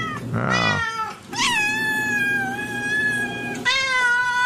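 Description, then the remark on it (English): Four cats meow and yowl in overlapping, drawn-out cries, one rising wail after another, loud with no voices. “Dozens of cats roaming the deck all over the place.”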